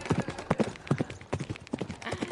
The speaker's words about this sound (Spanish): ¡Ah, caballo!